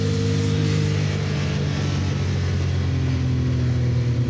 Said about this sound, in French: Ah, par contre, le turbo, on l'entend bien, hein. C'est pas le turbo, hein. C'est les deux turbos. Il faut savoir que cette 962C est équipée d'un moteur 6 cylindres, 2 litres 8, biturbo.